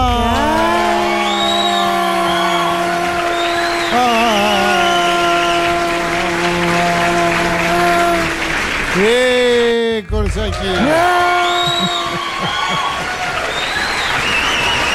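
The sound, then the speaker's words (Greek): Loud, sustained audience applause with cheering and long drawn-out whoops riding over the dense clapping, dipping briefly about two-thirds through before surging back just as strong, as the host of a morning show is welcomed. “Κυρίες και κύριοι, χειροκροτήστε τη μία και μοναδική και ατρόμητη Χελένα Νατ Μπαχά.”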